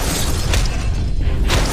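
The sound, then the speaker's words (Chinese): A cartoon cannon blast from an improved thunderbolt cannon (霹雳炮) smashes with a loud, crunching crash, two sharp bursts of shattering impact rising out of a dense, rumbling roar, with no voices. “好了，改良版霹雳炮， 给我砸！”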